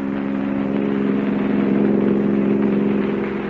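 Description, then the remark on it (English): A car on a mountain road, its engine running at a steady, loud hum with a low droning tone, holding constant throughout with no voices present. “till the car reached the most dangerous portion of the mountain road”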